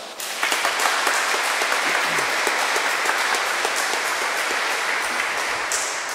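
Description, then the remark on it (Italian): An audience in a reverberant church applauds to thank and greet the priest after his homily, a dense wash of many hands clapping together at a fairly loud, even level for several seconds without any talking. “Quindi lo ringraziamo, lo salutiamo e gli facciamo un applauso.”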